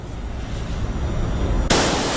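Loud gunfire of three rapid shots, the trigger pulled separately for each as fast as the shooter can, erupts with a sudden, harsh blast near the end, preceded by a rumbling, steadily rising roar. No one speaks.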